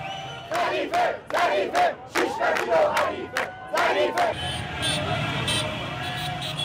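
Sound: crowd cheering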